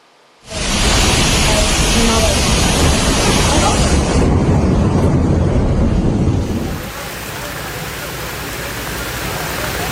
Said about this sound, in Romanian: Inundații în orașul bulgar Varna după o ploaie torențială.